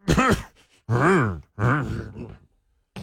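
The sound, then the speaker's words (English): A person with their head tucked into their armpit imitates muffled coughing with three stifled, groaning bursts, each about half a second long, voiced and rising then falling in pitch, fairly loud with short pauses between them. “I tuck my head into my armpit and I go.”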